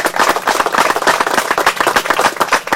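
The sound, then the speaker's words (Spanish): A crowd applauds local residents steadily, with many overlapping hand claps forming a dense, loud wash of sound that holds without a break for a few seconds. “Entonces, yo quiero darles un fuerte aplauso a ustedes porque siempre lo hemos dicho.”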